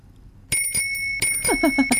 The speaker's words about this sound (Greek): Εδώ καμπάνες. Καμπάνες παντού. Παντού καμπάνες.